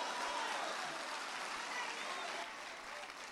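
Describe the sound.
An audience breaks into sustained applause for God the Father, a dense wash of many hands clapping steadily, with faint voices mixed into the crowd noise.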